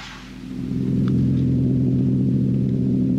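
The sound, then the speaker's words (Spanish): A deep, throbbing low-pitched pulsing like heartbeats, a signal from a flying saucer (UFO) over Los Angeles in a 1980s science-fiction series, fades in and holds steady and loud, a heavy rumbling hum with no voices over it. “Igual que en Jerusalén, la señal en forma de latidos ha empezado. Ahí vemos el platillo y escuchamos los latidos.”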